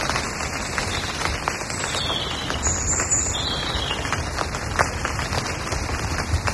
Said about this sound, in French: Une pluie, la pluie en forêt, tu vois.